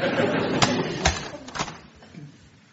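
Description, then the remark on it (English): A door being shut, heard as a few sharp clunks and a latch click in quick succession over a steady room hiss, then fading to quiet. “I'll close the door, shall I?”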